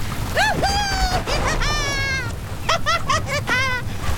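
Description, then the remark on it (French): Heavy rain from a sudden downpour in a storm at sea hisses steadily beneath a rumble of gusting wind and sea with waves over 12 metres, while a series of loud, high, wavering animal cries rise and fall over it in short bursts. “Elle semble à peine déstabilisée par la pluie qui nous tombe dessus.”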